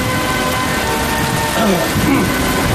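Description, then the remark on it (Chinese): Steady, dense hiss of heavy rain pouring down, loud, with a faint murmur of voices or tones rising briefly partway through, as villagers stay gathered in the rain for a memorial service. “天上在下雨，最后从少安的脚下流。”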